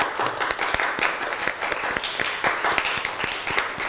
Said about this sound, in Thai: ดีมากขอเสียงปรบมือให้เพื่อนหน่อยครับ